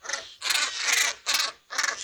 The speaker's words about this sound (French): Il s'enfonce comme dans du beurre dans la surface et plonge jusqu'à 10 mètres de profondeur pour attraper des poissons. Voici son cri.